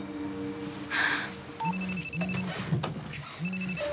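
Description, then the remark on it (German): A phone line rings out on an outgoing call to a family's home, repeated electronic ringback tones in short evenly spaced bursts, fairly clear over light background noise, with no one speaking. “Ich rufe jetzt bei denen zu Hause an.”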